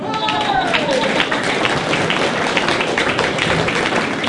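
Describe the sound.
A crowd at the 2026 Tussock Country GWD Ute Muster applauds steadily for a contest winner who drives a Hilux, dense clapping filling the space with cheering voices mixed in and a brief whistle near the start.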